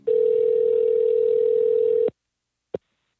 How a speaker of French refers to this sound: Je suis en train de composer le numéro de téléphone.